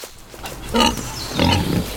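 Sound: wild boar grunting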